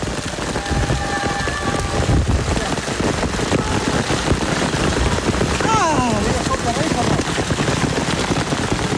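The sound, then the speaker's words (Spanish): A heavy hailstorm pounds down on cyclists in a road race just before the final climb, forcing the race to stop, in a loud, dense, relentless rattle of countless impacts, steady for the whole stretch, with faint indistinct voices and a brief whistling tone mixed into the din. “con la tremenda granizada que arreció sobre los ciclistas justo antes de afrontar la subida final”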